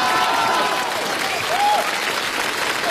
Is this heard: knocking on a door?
no